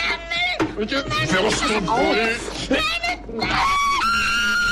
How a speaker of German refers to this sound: Ja, der Schrei, der Glas zerspringen lässt, das Meisterwerk von Günter Grass fasziniert ja bis heute.